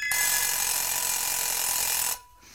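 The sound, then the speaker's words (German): An alarm clock's bell rings loudly in one continuous, rattling burst for about two seconds, then cuts off abruptly into near silence. “Der Wecker.”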